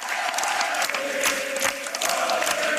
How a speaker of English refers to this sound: And at this, the crowd breaks into a different song.